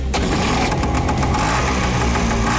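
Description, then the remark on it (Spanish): A motorcycle engine runs steadily and loudly, a continuous rough idle with a throbbing low rumble and no voices over it. “Cuando uno escucha una moto así, Rodolfo, uno sale corriendo enseguida.”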